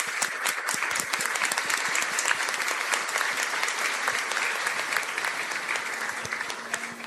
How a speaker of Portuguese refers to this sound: É uma alegria recebê-lo entre nós nesta noite e eu peço que vocês o acolham com uma calorosa salva de palmas.